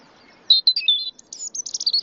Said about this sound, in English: Kingdom found that European robins in noisier environments tend to sing at night. The finding suggests that these robins experience nighttime as the best time to have their voice heard by potential mates and rivals after the day's hustle and bustle.